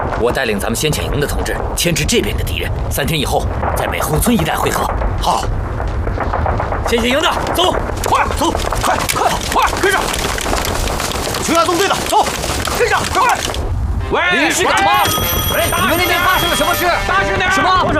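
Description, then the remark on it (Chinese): Distant gunfire and artillery rumble on continuously in a dense, noisy barrage, with bursts of shots over low booms and voices mixed in, especially toward the end. “远处传来的枪炮声，说明有人迷路了，可能在别的地方登陆。”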